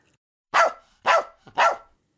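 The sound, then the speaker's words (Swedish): A dog barks three times in quick succession, loud, sharp and high-pitched, each bark clear with brief pauses between. “Plötsligt skäller en hund högt och gällt.”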